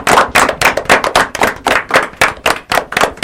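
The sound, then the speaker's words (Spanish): A burst of clapping from a small group at a community radio station, steady, with many quick overlapping claps forming a brisk rhythmic patter for a few seconds. “un aplauso grande a ellos.”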